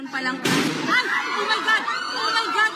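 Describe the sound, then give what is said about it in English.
A single sharp, loud gunshot cracks out early inside the heavily guarded Senate in the Philippines late on a Wednesday, followed by agitated voices talking and calling out over a noisy background. “Gunshots were heard late on Wednesday inside the heavily guarded Senate after Senator Ronald De La Rosa, who is accused by the International Criminal Court of crimes against humanity, called for people to mobilize.”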